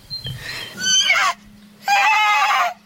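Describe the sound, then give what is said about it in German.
A horse neighs twice in quick succession, each call a loud, wavering whinny with bright harmonics, separated by a short pause over a faint low hum. “Los, voll dringend gehört man wieder das Wiehern.”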